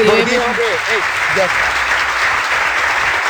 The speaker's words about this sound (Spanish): Ya, hombre, suficiente aplauso.